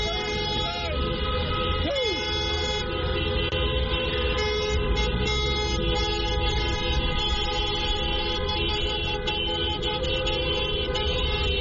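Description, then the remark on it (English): A dense chorus of car horns blares continuously from cars queued to pay at a toll booth on the N4 in Enfield at night as fans head home; many overlapping sustained tones and honks merge into a loud, unbroken din across the whole scene, with a low rumble of traffic underneath. “Was the scene at the toll booth in Enfield last night as fans made their way home on the N4 as the cars queued to pay their toll.”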